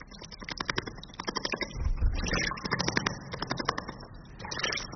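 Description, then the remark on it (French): A small bird splashes in water, with rapid, irregular bursts of fluttering and spattering droplets that come in quick flurries, briefly louder and fuller in the middle, with no voices. “Ça, c'est un oiseau qui se lave.”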